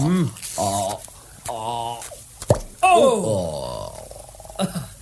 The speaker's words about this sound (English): Got the corkscrew? Good. Let me open you one of these bottles.